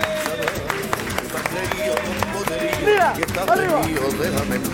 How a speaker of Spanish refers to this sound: Qué maravilla. Otro aplauso allí a